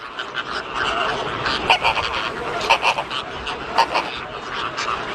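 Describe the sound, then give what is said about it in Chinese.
A flock of Caribbean flamingos on a sandbar honks continuously as they search for eggs washed away by the waves, many harsh, goose-like calls overlapping at a steady level, with a few sharper cries rising above the chatter. “过后，一些加勒比海红鹳在沙洲上四处寻找被海浪卷走的卵。”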